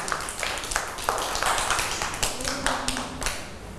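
A group of children in a school class clapping together for a classmate at the teacher's request, a dense, uneven patter of sharp claps that keeps going at a fairly steady loudness for several seconds, with faint voices mixed in.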